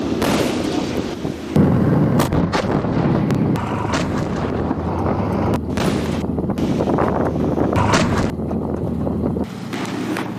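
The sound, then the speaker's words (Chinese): Heavy weapons fire from an armored combat vehicle at sea during a military training assessment, engaging three groups of targets at different distances, bearings and heights amid rolling waves: a series of sharp, booming shots at irregular intervals over a steady engine rumble and wind buffeting, with no talking. “官兵们克服海面浪涌起伏的影响，在精准研判目标类型与威胁等级后，果断实施火力打击。”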